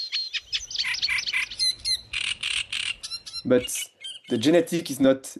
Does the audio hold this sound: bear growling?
no